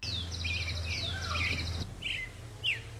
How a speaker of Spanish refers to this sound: Por esto, cuando un ave canta en las primeras horas del día, logra llegar a mayor distancia, con el menor uso de energía.